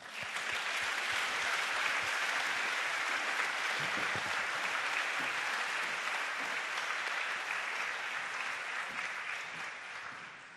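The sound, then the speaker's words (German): An audience claps for about ten seconds for Katharina Warda as she is introduced as a panel speaker. It is a dense, even wash of many hands at constant loudness that tapers only slightly at the end, with no voices on top. “Nun möchte ich an dich übergeben, einen Applaus für Katharina Warda.”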